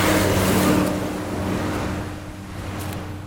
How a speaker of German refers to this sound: Er steigt aus und tritt an die Absperrung einer mit rotem Staub überzogenen Brücke. Autos und schwere Lastwagen donnern vorbei.